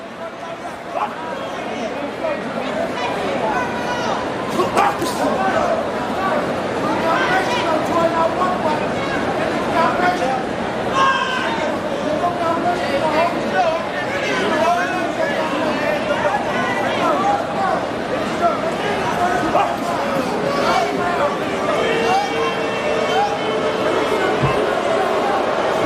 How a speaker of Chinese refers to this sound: 响起了嘘声，打到这个阶段双方还是进行这种慢节奏经济型消耗，下面嘘声四起啊，观众也表达了对于两个人的不满。